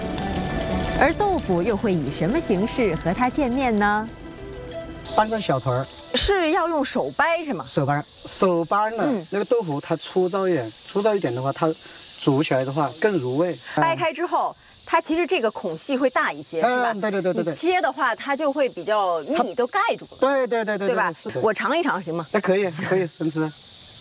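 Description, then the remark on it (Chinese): Chili sizzles in hot oil, releasing its red colour to make a pot of red chili oil for cooking pig intestines; a steady bright hiss runs the whole way through, partly buried under a voice talking over it. “辣椒在滚油中充分释放辣椒红素，一锅红油是激发出大肠香味的法宝。”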